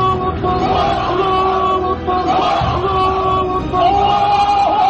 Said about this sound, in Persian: در پیرو و فریادهای الله اکبر محمد، پیروان وی نیز فریاد الله اکبر سر دادند.